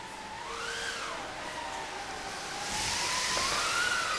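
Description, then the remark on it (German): An audience in section Terrasse 3A imitates wind and rushing water for an imagined sailing trip along Italy, with a steady hissing, shushing noise that grows louder partway through, while wavering whistle-like tones glide up and down over it. “Und ein bisschen Wasser auch dazu.”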